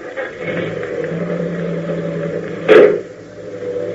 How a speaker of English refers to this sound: I thought I heard the car leave.